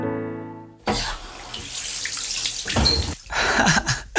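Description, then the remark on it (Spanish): Hot and cold water gushes steadily from a faucet after a brief low hum, a loud, continuous splashing flow that swells and briefly dips, like a tap running into a sink. “¡Agua corriente, caliente y fría”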